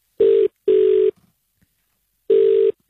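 Ringback tone of an outgoing phone call to a colleague: a steady mid-pitched electronic tone sounding in paired bursts, a pause, then the pair starting again. No voices are heard.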